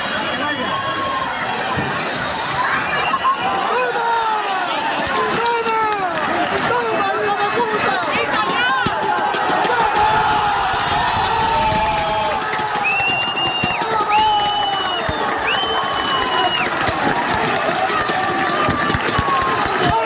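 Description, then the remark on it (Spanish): Football stands at the Calvo Sotelo erupt in sustained cheering after the final whistle of Calvo Sotelo 1, La Solana 0, as the Puertollano football team wins promotion to Segunda RFEF as champions of group 18 of Tercera División, around 8 pm; a dense roar of many voices with shouts, whistles and rising chants, loud and continuous throughout. “Porque así sonaban las gradas del pitido final del Calvo Sotelo 1, la Solana 0, con el que el equipo de fútbol de Puerto Llano ascendía ayer a eso de las 8 de la tarde a segunda ref, tras proclamarse campeón del grupo 18 de tercera división.”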